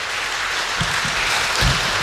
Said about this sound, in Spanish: Por eso nos alegramos mucho. Un fuerte aplauso para ella al celebrar el don de la vida.